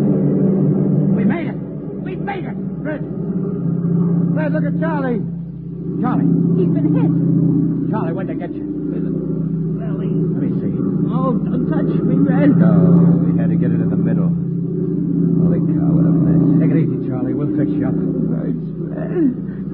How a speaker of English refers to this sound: There they are. Huh? Three squad cars. Here they come.